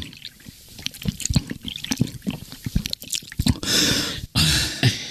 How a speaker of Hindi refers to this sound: जरा यहाँ आओ, इतनी प्यास लगी है, जरा पानी पिलाओ, गला सूख रहा है।